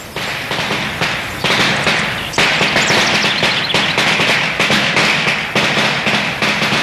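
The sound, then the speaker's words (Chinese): A long string of hundred-shot firecrackers crackles and pops loudly and continuously, dense rapid bursts with periodic stronger bangs, going off at Mao Zedong's feet at a Guo family ancestral hall in Shaoshan, Hunan, at the founding meeting of a Blood Humiliation Society. No voices over it. “噼噼啪啪，一串百子鞭炮像条红蛇似的在毛泽东脚边炸响。”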